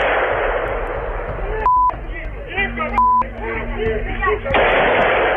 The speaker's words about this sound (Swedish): Här hör vi ljud från en video som fångat skottlossningen mitt på dagen i Kiev.